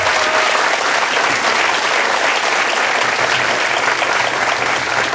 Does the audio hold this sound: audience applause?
yes